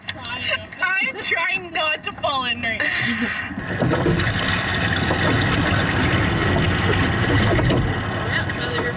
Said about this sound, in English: It's the 8-person sweep boat, as they call it. I don't have a lot of experience in that boat, but it's a lot of fun.